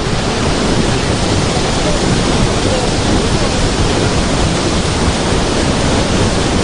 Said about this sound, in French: fait remarquer que le volume d'eau est très important. Et effectivement, on va s'approcher parce qu'on entend un sacré vacarme.